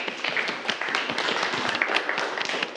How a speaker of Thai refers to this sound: ถูกต้องครับนักเรียนปรบมือเพื่อนเลยครับ